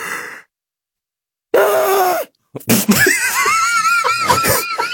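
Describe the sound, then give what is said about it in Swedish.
A person loudly imitates a woman's screeching yawn: a strained, wavering wail that slides up and down in pitch, delivered in a couple of drawn-out bursts after a brief silence. “Jo, men det är inte bara att hon gäspar, utan när hon gäspar, då gör hon så här.”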